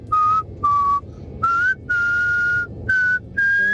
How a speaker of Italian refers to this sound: Prego. Questo è un bel fischio. Eh sì.